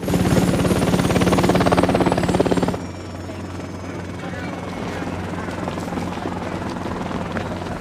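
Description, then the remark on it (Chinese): A helicopter's rotor chops loudly and rapidly for about three seconds, then gives way to a quieter, steady rumble; the helicopter is arriving as military aid requested by the local government. “另外，当地政府已经向我国正式请求军事援助，直升机马上就到”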